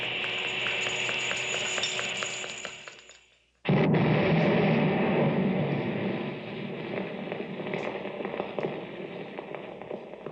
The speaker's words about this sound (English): There it goes. Three whole buildings blown to bits.